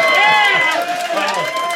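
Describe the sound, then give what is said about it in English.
An audience at a Saturday late show whoops, yells and screams all at once when asked to make some noise if they hate children, a loud, sustained wall of overlapping voices lasting under two seconds, with a few higher shrieks rising above the din. “Make some noise if you hate children.”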